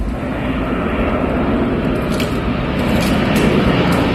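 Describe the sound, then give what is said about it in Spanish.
A steady, loud engine roar from aircraft working to extinguish a wildfire, in sounds shared by Infoca: a dense, rumbling drone with heavy low end that holds constant throughout, with no voices. “Explican desde el Infoca en sus redes sociales, donde también han colgado sonidos de las labores de extinción.”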